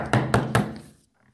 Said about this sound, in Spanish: Pero la paz duraría poco, ya que se escucharía un fuerte golpe en su puerta.